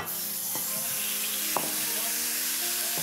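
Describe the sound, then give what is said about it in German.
Minced meat is browned in a hot pan with a little oil, sizzling steadily in a dense crackling hiss, with a couple of brief clanks of a utensil against the pan. “Ich gebe jetzt hier ein bisschen Öl in die Pfanne. Jetzt geht das Hackfleisch da rein. Achtung, schönes Geräusch.”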